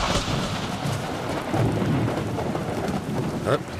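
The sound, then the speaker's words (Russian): Steady heavy rain pours down while deep rolling thunder rumbles loudly through the whole stretch, with a brief sharper crack near the end. No voices. “Давно такой грозы не было.”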